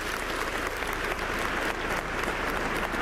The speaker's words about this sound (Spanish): Aquí se reúnen también la parroquia personal filipina. Les aplaudimos a ellos porque lo merecen.